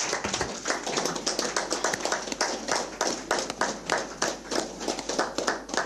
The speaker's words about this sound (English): allow me therefore to invite honorable Emmanuel Shishueni Shikongo, governor of the mighty Omsati region, to come and deliver the state of the region address. May we rise clapping hands for him.